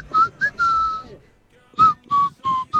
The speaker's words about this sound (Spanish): Pero es que su silbido es diferente. O sea, lo saca como que. Así esto.